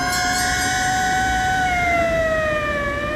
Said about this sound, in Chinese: 忽然，一队警车由远而近，呼啸着驶过街头。